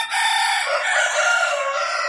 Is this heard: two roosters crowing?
yes